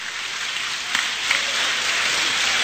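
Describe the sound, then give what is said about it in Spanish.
A church audience claps for the Lord, a dense, steady wash of many hands that holds at a fairly loud level for the whole stretch, with a couple of sharper claps standing out briefly. Nobody speaks. “¡Aplauda al Señor!”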